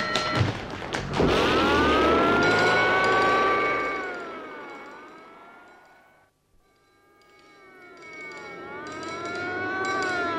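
A loud fire alarm siren wails in long rising and falling sweeps after a few heavy thuds, fades almost to silence for a moment, then swells again.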